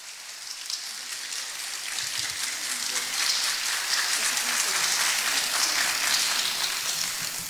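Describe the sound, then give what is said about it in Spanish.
An audience applauds steadily to vote for a contestant by applause, a dense, crackling wash of many hands clapping that swells slightly after the first couple of seconds and holds at an even level, with no voices standing out. “Su aplauso.”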